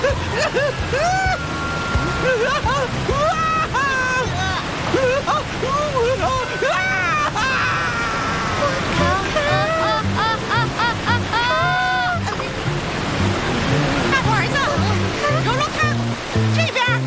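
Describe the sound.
The Chishui Grand Waterfall roars as a constant, dense rush of water throughout, while several voices shout and call out excitedly over it.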